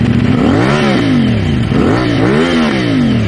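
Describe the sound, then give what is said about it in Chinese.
A loud motorcycle with a modified exhaust pipe revs hard several times in quick succession as a police officer twists the throttle, its throaty exhaust roar rising and falling, with no voices. Found by traffic police in Shunyi, Beijing, after 10 pm on June 24, 2026. “2026年6月24日晚上10点多，北京市公安局顺义分局交通管理支队杨振中队在辖区内发现了一辆改装的摩托车。当民警拧下油门的时候，轰鸣声震得整条街都嗡嗡作响。”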